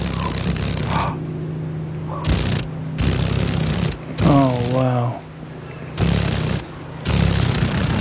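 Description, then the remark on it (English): The wings of a female paddle-tailed darner, one of the mosaic darner dragonflies found in Alaska, buzz in rapid, rattling bursts over a steady low drone, stopping and starting several times, while a voice briefly exclaims midway. “Oh, can you hear the vibration? Those wings are vibrating pretty rapidly.”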